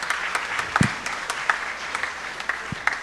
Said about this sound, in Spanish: Si se encuentra acá, puede ponerse de pie y aplausos.